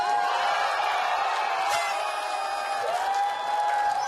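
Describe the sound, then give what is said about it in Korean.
A crowd claps steadily and cheers throughout, welcoming a singing instructor making a debut, a dense wash of applause that holds at an even, loud level, with a sustained whooping voice rising and falling above it. “생각보다 뜨거운 반응에 힘입어 기세 좋게 등장했습니다.”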